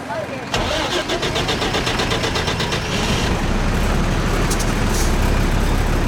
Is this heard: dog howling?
no